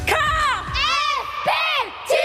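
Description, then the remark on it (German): A group of under-14 girls at basketball training screams and cheers loudly in greeting, high shrill voices overlapping in excited whoops that rise and fall in several bursts. “Danke fürs Schreien.”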